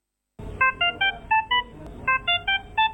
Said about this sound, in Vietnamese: Ngày nghỉ lễ nhưng những tiếng bíp bíp của máy thở, máy theo dõi chỉ số sinh tồn người bệnh vẫn vang lên đều đều tại khoa hồi sức tích cực chống độc Bệnh viện Đa khoa Đức Giang.